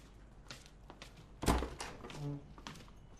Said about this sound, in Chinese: 一家三口走到客厅，蔡胜美开门进来了。